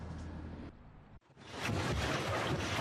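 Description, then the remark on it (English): A boat cruising along the Danube river in Hungary, guided by its captain past Hungary's parliament: a low engine hum under steady rushing water and wind, briefly dropping away before swelling back louder. No voices. “Today, the captain of the Thetis guides us past Hungary's parliament along a river he knows better than most.”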